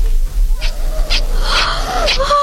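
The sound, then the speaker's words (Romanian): A jumble of high, overlapping squeals and squeaks from a crowd of piglets, bear cubs, badger cubs and fox cubs, fairly loud, continuing for a couple of seconds over a low steady hum. “S-a umplut o grana de purcei, ursuleți, bursuci, pui de vulpe și alte lichioane.”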